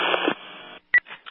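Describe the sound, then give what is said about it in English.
A burst of narrow, crackly radio static cuts out, then a sharp electronic alert tone beeps briefly, followed by a couple of quieter tonal chirps: radio dispatch alert tones for a call. “1591 acknowledging tones for the elephant buttress call, and I'll be moving over to fire.”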